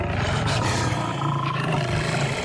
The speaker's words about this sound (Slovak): Kráľovná sa obzrela za revom a na vršku zbadala levy, ako bežia rovno k nej. Mali dve hlavy, 8 nôh a cerili na ňu obrovské zubiska.